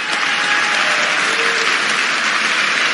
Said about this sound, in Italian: per il secondo caso che è accaduto a Cesena, due studenti che hanno compiuto un gesto futurista, e a loro va l'applauso da Roma.